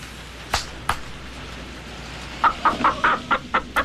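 Two sharp claps ring out to wake a chicken that had been made to fall asleep, then after a short pause the chicken clucks in a quick, steady run of about eight moderately loud clucks.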